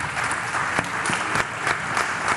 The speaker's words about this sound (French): Merci à nos invités. Je vous propose de les applaudir bien fort.